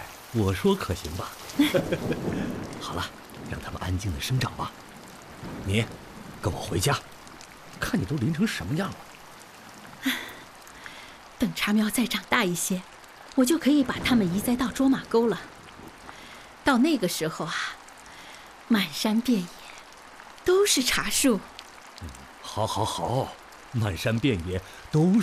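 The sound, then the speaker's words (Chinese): Steady rain falls throughout, a constant soft hiss in the background, at a spot where sown tea seeds have sprouted, while people talk over it in animated conversation. “下雨了，大家都下班了，你怎么还不回家呀？”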